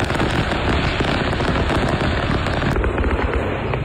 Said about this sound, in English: The fireworks truck that blew up on the side of the road.